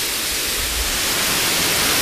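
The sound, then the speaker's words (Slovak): A waterfall at Červené piesky, swollen after days and weeks of heavy rain, roars in a steady, dense, loud rush of white noise, with no breaks or changes over the short stretch and no voices. “Vy si môžete vychutnať aspoň zvuk tohto zaujímavého vodopádu v Červených pieskoch.”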